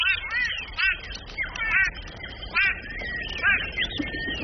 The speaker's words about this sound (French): Surpris, tous les oiseaux de la mare s'envolent. Écoute, tu entends le vol des oiseaux?